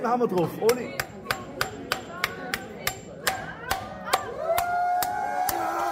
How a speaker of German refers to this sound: Das laut Hersteller besonders robuste Handy-Display aus Gorilla-Glas zerbirst unter den Hieben des jungen Zimmerers.